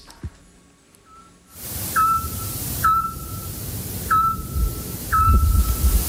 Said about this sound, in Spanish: Hombre, el autillo. Ah, muy bien, muy bien. Hemos hablado mucho de él en este programa. Claro, el pájaro submarino, ¿verdad? El que emite ese sonar tan característico. Eso es todo lo que se escuchaba en centro de Peñaranda de Duero